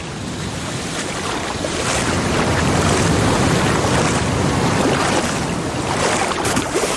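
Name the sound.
sea waves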